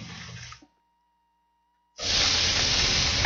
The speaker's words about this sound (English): The sizzle, the smoky flavor, the grill lines.